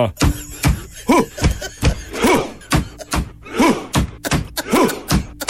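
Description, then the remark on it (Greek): Voices imitate the Viking war chant performed in a stadium, miming rowing: sharp drum-like hits alternate with a deep, forceful grunted "huh," repeating in a steady, slow rhythm about four times. “Χτυπάνε με ένα τύμπανο, παπ, κάνουν ουφ, τι κάνουν όλοι.”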